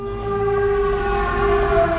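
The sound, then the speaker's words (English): An air raid siren warning of a drone sounds at a port in Ukraine, a loud, sustained tone holding steady without breaks over a low background rumble, with no voices present. “Back at Dimitro's port, the air raid siren sounds.”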